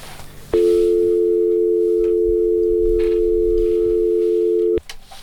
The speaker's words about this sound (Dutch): En de telefoon gaat even over, laten we even...